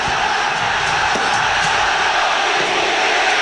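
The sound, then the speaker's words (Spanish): A dense, steady roar of a large stadium crowd before a football match, loud and continuous with scattered shouts and whoops rising out of the broad wash of voices. “Nano, nuestros amigos escuchan a través del ambiental de ADN.”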